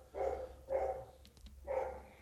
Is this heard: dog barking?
yes